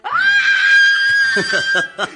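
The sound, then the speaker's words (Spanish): A person belts out a loud, sustained yell rising sharply then holding a high pitch for about a second, followed by a burst of choppy warbling vocal sounds, a voice imitating the cry of independence of 20 July 1810, like a Tarzan-style jungle call. “Y ese grito fue como algo así.”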